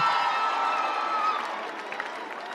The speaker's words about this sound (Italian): È qui e siamo veramente onorati di accogliere con il calore di Maia Domizia un grande applauso